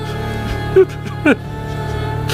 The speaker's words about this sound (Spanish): ¿Qué es eso? Parece un llanto.